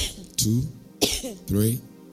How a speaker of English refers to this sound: Just cough 5 times. Cough 5 times. Cough.